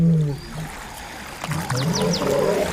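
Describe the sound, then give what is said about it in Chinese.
Low, rumbling moans and grunts from a group of male lions crossing a river, three lions in the water, rise and fall over a steady wash of moving water, with a few short higher calls cutting through near the end. “一群公狮正在渡河，这片水域的主人可能不太欢迎他们。”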